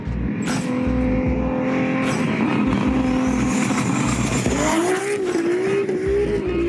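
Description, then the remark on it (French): A powerful tuned car engine of 1,609 horsepower roars loud while driving on greasy winter roads in Belgium, its deep droning note holding steady, then climbing in pitch as it accelerates hard, with a rough rumble underneath and no talking. “Avec 1609 chevaux, je m'attendais à de la grosse violence.”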